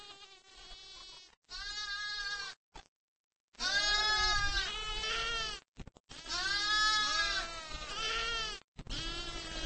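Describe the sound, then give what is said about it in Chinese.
Several sheep, kept as livestock by nomadic herders, bleat loudly and repeatedly, their wavering, drawn-out calls overlapping in a chorus with only brief pauses between bursts. “绵羊是最常见的家畜。”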